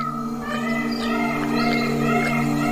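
A female tiger at a waterhole calls softly to her cubs several times, its low, rising and falling cries repeating at short intervals over a steady, sustained musical drone, with no talking.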